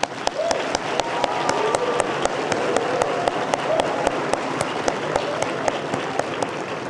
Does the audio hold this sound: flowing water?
no